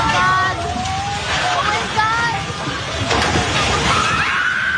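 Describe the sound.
Several people shout and cry out in alarm amid a loud, noisy rumble and crowd clamor as staff run out of a Jollibee restaurant in the Philippines just before the three-story building collapses, with high voices rising and falling over constant background roar.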